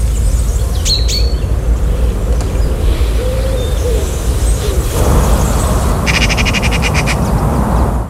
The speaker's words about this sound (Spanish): Y entra, da paso al pinzón vulgar.